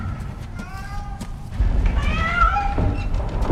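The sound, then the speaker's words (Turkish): A cat meows twice, a short plaintive cry followed by a longer, rising and falling one, over a low rumbling background with some handling noise. “Gel pisi pisi pisi pisi gel.”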